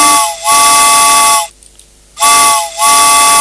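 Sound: steam train whistle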